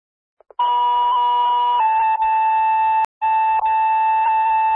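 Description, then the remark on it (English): An East Troy fire department dispatch tone alert for Medic 171, calling a response to a person who has fallen on Town Line Road: a loud, steady electronic tone that shifts pitch partway through, cuts out briefly with a sharp click, then resumes and holds. No one speaks. “Medic 171, an East Troy tone alert.”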